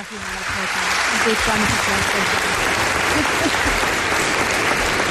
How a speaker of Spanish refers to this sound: Y es un honor para nosotros que estés en el programa. Os pido un aplauso para ella.